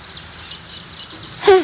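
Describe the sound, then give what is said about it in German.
A single short, bright bird call bursts out near the end, after a stretch of faint, hissy background with no talking. “Was war denn das? Wenn der Vogel keinen Vogel hatte, dann weiß ich auch nicht.”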